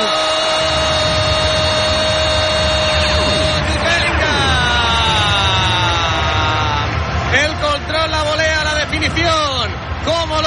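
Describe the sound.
A dense crowd of Girona supporters at Montilivi stadium roars continuously, cheering on their team, with voices rising and falling in sweeping, chant-like waves over a loud, steady wall of cheering and noise.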